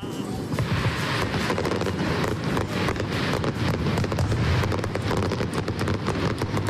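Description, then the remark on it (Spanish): The finale of a fireworks display in Bilbao by Supernova, a pyrotechnics team from Uruguay: a dense, unbroken barrage of rapid bangs and crackling pops, loud and sustained from start to finish with deep rumbling underneath. “Fue la traca final de unos fuegos artificiales que llegaron desde Uruguay por primera vez.”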